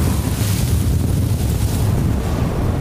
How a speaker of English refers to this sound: we've been experiencing the Gobi winds. It's been gusting up to 70 miles an hour all night, and the temps have probably been down to almost negative 50 with the wind chill.